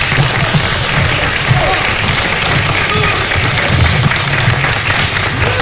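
A crowd applauds steadily and loudly at a gala evening as a firefighters' choir is introduced, a dense wash of clapping that holds without pause for several seconds, with a faint murmur of voices mixed in.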